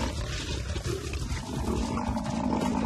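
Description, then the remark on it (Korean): A buffalo bellows in distress as lionesses attack it while other lions hold back its herd: a loud, low, rough groaning roar that carries on unbroken from start to finish, with no voices present. “물소가 살려달라 울부짖지만 자네들이 무리의 접근을 막고 있네요.”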